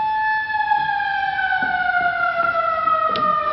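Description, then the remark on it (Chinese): An alarm sound effect played in an office: a steady, high siren wail holds one sustained tone with bright harmonics, slowly drifting lower in pitch over a few seconds, with faint low rumbling beneath. “在办公室播放警报的音效，众人紧张起来。”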